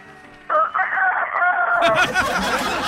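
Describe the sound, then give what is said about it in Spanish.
A man's voice imitates a rooster crowing, one long loud strained cock-a-doodle-doo with rising and wavering pitch, breaking into rougher, noisier sounds toward the end. “¿podría repetir, por favor, la imitación del gallo?”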